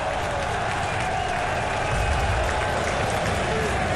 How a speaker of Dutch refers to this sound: Het publiek laat zich horen. Ze beseffen dat zij een rol kunnen en moeten spelen in het laatste kwart van deze wedstrijd.